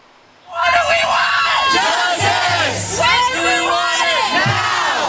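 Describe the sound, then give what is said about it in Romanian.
Hundreds of protesting students shouting and chanting together on the Cornell University campus, demanding the leadership's resignation: loud, sustained, overlapping yells rising in waves with rhythmic surges over about five seconds after a brief quiet start. “Strigătul a sute de studenți indignați a răsunat în campusul Universității Cornell.”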